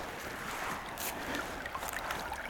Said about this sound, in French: On retrouve le clapotis de l'eau, la tourbière, encore une fois.